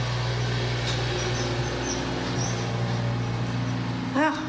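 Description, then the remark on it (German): A lawn mower hums steadily in the background as a woman mows the grass on a sports field, a low droning engine note that holds for the whole stretch, with a brief rising chirp near the end. “Wenn Sie das da hinten hören, so dieses brummende Geräusch, es ist mal wieder ja eine liebe Frau, die den Rasen mähen muss auf dem Sportplatz.”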